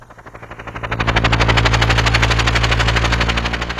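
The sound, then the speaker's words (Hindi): A helicopter landing sound effect: the rotor chops in a rapid, steady beat over a low engine drone, swelling louder as it approaches and staying heavy with no voices. “ये जो गाना है ये बिल्कुल हेलीकॉप्टर से आपके लिए लैंड हो रहा है, सुनिए।”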